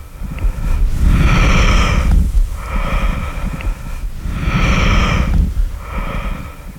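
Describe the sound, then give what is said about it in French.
Muffled, rhythmic vesicular lung breath sounds, the murmur of alveoli folding and unfolding with breathing: about two full inhale-exhale cycles of soft, rushing airflow over a low rumble, steady and unhurried, with no talking. “Oui, le murmure vésiculaire des alvéoles qui se plissent et se déplissent selon la mécanique respiratoire.”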